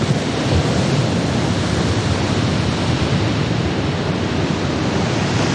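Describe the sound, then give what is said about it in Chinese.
A continuous, loud roar of heavy, stormy Atlantic surf crashing onto the broken west coast of Ireland churns without pause, mixed with rushing gale wind, forming a dense, steady wash of crashing water with no distinct breaks and no voices. “一望无际的大海上掀起狂风巨浪，将巨大的能量倾泻在支离破碎的爱尔兰岛西海岸上。”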